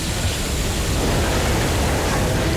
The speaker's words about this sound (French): Un métro arrive sur le quai.